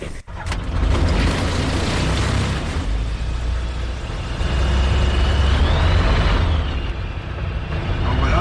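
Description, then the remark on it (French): A light aircraft's piston engine, started after the ignition and both magnetos are switched on, catches after a brief abrupt click, then settles into a loud, steady, rumbling drone with a faint whining tone that rises midway through. “démarrer l'avion, on cale notre altipied à la pression de Tilchâtel”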